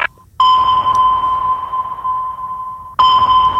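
A loud, steady electronic scanning tone hums continuously for about two and a half seconds, breaks off for an instant, then starts up again, with no voices present.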